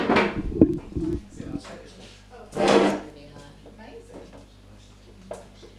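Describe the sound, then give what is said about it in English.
A chair scrapes and clunks as it is pulled up for a person to sit between two others, with two rough bursts of wooden dragging and knocking over a low hum and faint voices. “You can come sit in between us, and we can. Yeah, yeah. Let's do that. Pull a chair.”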